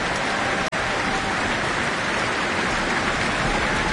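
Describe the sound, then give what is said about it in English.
Dense, steady applause from a large audience at the close of an Auckland Philharmonia concert of Spanish music, greeting conductor Pablo González; a continuous crackle of many hands clapping at an even, loud level, with a momentary dropout near the start. “Pablo González, with his hands open to the audience, receiving their warm applause.”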